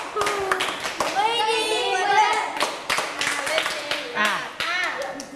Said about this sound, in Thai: ปรบมือ5ครั้ง ปรบให้ดังกว่านี้ปรบใหม่อีกที